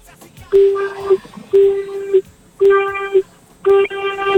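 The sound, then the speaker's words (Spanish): Four steady car horn honks, each lasting about half a second, evenly spaced with short gaps between them, loud and harmonic, over a faint murmur of background voices; four medium honks given on request over a phone line by a ride-share platform driver. “Si estás, por favor, regálame 4 bocinazos medianitos.”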